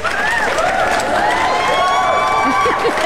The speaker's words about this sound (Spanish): Sí, ponme unos aplausos o algo.